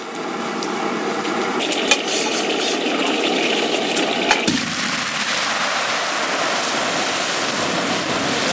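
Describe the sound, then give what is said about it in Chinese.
Steady hissing, bubbling roar of boiling water in a pot as scored squid pieces are blanched, curling up within about a dozen seconds, with two brief sharp knocks partway through and the seething tone shifting slightly afterward; no voices. “鱿鱼花下锅焯水，十几秒就卷起来了。”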